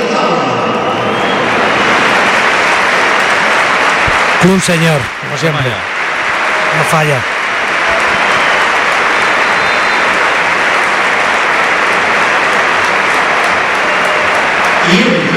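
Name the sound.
stadium crowd applauding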